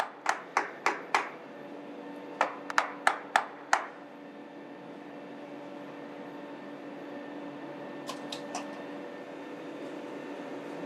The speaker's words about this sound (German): Die Kappe ist aus Gummi. Sie wird vor dem Auflegen angewärmt. "70 Grad hat's. Es tut schon weh, wenn man es länger in der Hand hat." Damit sie richtig gut hält, wird geklopft.